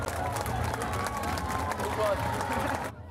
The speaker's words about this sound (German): Hier kommen schon die ersten Kinder ins Ziel. Einen donnernden Applaus.